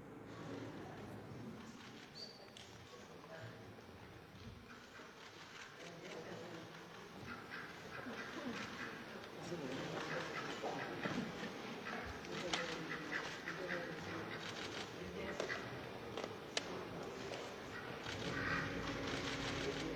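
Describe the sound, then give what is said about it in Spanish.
A duck quacks repeatedly at the Palacio Nacional as it is shown off and let walk around, amid a busy, noisy background of crowd chatter and general bustle, the calls mixed in with the surrounding din for the whole stretch. “Así que bueno, dejamos esta parte final donde pues este pato fue besado, lo apapacharon, lo mostraron, lo lucieron y ahí lo dejaron caminar un ratito en Palacio Nacional.”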